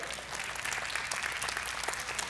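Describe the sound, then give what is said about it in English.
Thin, scattered applause from an audience, a light patter of hands clapping steadily and softly for a couple of seconds without much energy or cheering. “That was the weakest clap that I've ever heard, and that's fine.”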